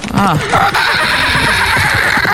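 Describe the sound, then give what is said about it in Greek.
A person on the morning show Pame Proino imitates a horse whinny: a short, quavering, high-pitched neigh that wavers up and down, then trails into breathy, noisy voicing. It sounds fairly loud. “Θέλω να κάνετε χλιμήτρες με αλόγου.”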